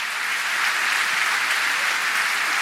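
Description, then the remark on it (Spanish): A church audience applauds the Lord steadily, a dense wash of many hands clapping at once, loud and sustained for the whole moment with no voices rising above it. “Damos un aplauso al Señor.”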